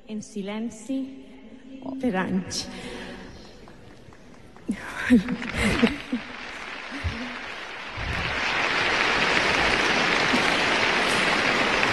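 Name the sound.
audience applause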